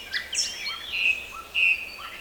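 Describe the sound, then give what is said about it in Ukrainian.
A nightingale sings alone while circling over a burned forest: quick rising chirps and whistled sweeps, then two sustained high trilling notes held clearly over a faint background hiss. “Він розгублено кружляв над спаленим лісом і сумно витьохкував.”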